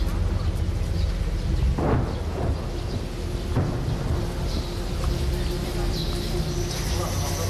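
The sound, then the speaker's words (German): Heavy artillery firing on residential areas in Ukraine booms, two sharp blasts standing out over a continuous low rumble, with faint voices in the background. “Zum ersten Mal in der modernen Geschichte der Ukraine feuert schwere Artillerie auf Wohngebiete.”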